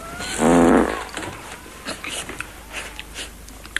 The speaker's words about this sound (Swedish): pruttar, skyller på soffan.